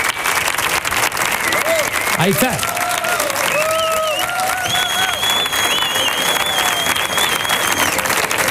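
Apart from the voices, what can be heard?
audience applause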